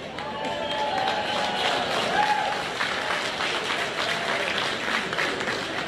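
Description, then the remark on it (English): Baseball fans applauding at an Alabama baseball game as an older fan who caught a foul ball gives it to a young fan sitting next to him: a steady wash of clapping and crowd murmur that holds at an even level throughout, with a few brief whistles rising above it. “Fans giving an applause as the old guy who caught it gives it to the young guy sitting next to him.”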